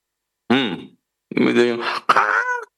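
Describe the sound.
A voice imitates an exaggerated, loud yawn: a short moaning rise, a pause, then two longer, drawn-out groaning vocal bursts, one right after the other.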